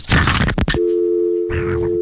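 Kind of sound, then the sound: sound effect, phone hang-up sound effect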